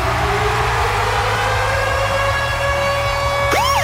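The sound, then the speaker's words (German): The Virgin Radio Ticket-Alarm jingle, built from siren sounds: a loud, steady high tone over a low engine-like rumble, then a sharp rising and falling siren sweep bursts in at the end. “Immer dann, wenn unser Virgin Radio Ticket-Alarm abgeht, dann steht an.”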